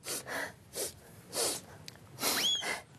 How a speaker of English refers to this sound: Cheer up, Foxy. Blow your nose.